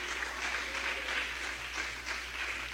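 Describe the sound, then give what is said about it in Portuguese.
A church audience claps together in steady, dense applause for Jesus that lasts the whole moment, with no voices over it. “Palmas alegres para Jesus, igreja.”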